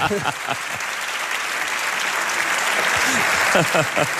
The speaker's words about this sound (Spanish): Han aplaudido demasiado rápido, porque iba a decir Vitoria-Gasteiz para hacerme el guay aquí, pero no me ha dado tiempo.